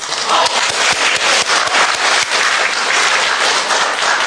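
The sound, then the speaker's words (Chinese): A crowd at a xiangsheng (Chinese crosstalk comedy) show applauds steadily in welcome for several seconds, many hands clapping in a dense, loud wash of sound with no voices on top. “如果掌声再热烈一点还好。”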